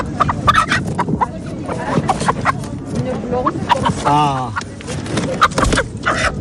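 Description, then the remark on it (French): Hens cluck and squawk in a busy, overlapping chorus at a poultry market in Tarbes where hens are being bought, short loud fowl calls, with a longer warbling call in the middle and voices in the background. “C'est la première fois que vous achetez des poules au marché?”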